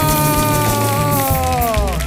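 An audience on a Canal Sur Radio programme claps steadily and loudly for about two seconds as Alexis Díaz Pimienta comes on stage, a dense patter of hands over sustained music with gliding tones.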